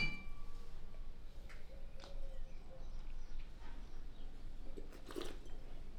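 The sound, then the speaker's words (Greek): A few light glassy clinks stand out against a low, steady background hum, the clearest one ringing briefly near the end, as wine glasses of a 100% Chardonnay Blanc de Blanc, Vintage 17, touch in a toast. “Εδώ έχουμε ένα Blanc de Blanc 100% Σαρντονέα. Στην υγειά μας.”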